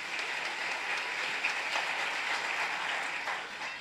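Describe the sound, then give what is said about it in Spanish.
A crowd claps steadily for about four seconds in applause for the Lord, a dense, crackling wash of many hands with no voices, holding an even level before easing slightly at the end. “A ver, vamos a dar un fuerte aplauso para el Señor, los que somos bendecidos.”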